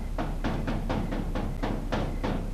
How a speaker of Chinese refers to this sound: 外面谁敲门？